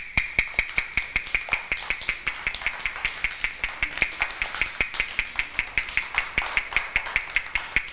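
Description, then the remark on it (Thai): A fast, steady tapping beat of sharp knocks, roughly four per second, played evenly for several seconds with no voices, demonstrating the fast rhythm in a children's rhythm lesson. “คือจังหวะอะไรคะเด็กๆจังหวะเร็ว”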